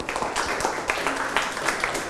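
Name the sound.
classroom clapping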